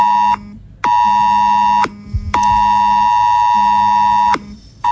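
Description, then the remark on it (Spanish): A mobile phone emergency alert tone blares loudly, a harsh buzzing beep sounding in long repeated bursts separated by short pauses, with no voices. “Este sonido lo reconocemos todos, ¿verdad? Por desgracia. Suena en el móvil y uno se para.”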